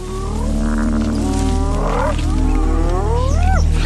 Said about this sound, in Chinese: 它暴露了自己的位置。 狮子进食的声音把斑鬣狗引向灌木丛。不过，狮子可不好对付。